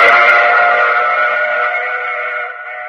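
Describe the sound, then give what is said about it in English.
A train pulling to a halt at a station, its brakes giving a steady, high metallic squeal that holds for a few seconds and slowly fades, with no voices over it. “Oh, you have to get off here. I'm sorry. I'm sure we'll meet again. I take this same train every week at this same time.”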